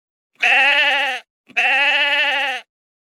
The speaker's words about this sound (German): Das war ein Schaf. Das habt ihr bestimmt alle erkannt.